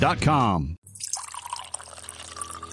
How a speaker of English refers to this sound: It's one of life's simplest comforts, turning on the tap and knowing clean, safe water is there. A glass before bed, a warm shower in the morning, water to cook, clean, and care for loved ones.